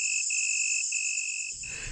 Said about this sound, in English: Nowadays, insects like crickets transform the night into a symphony of sound, and their sound-making parts often do fossilize.